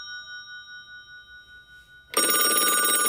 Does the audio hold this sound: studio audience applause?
no